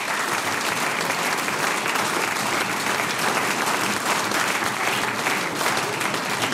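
An audience claps steadily and loudly for several seconds, a dense, continuous wash of applause with no voices standing out.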